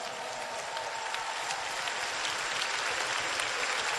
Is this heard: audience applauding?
yes